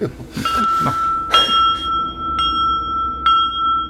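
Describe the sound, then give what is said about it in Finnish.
A small bell is rung four times at roughly one-second intervals to call servants, each bright, high-pitched ding ringing on and overlapping the next, with no voices. “Soitanko kelloa? Soita.”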